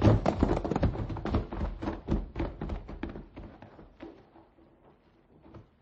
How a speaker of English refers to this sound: coming from what appeared to be a little house ahead of us, and which served to lend wings to our horses' pounding hooves.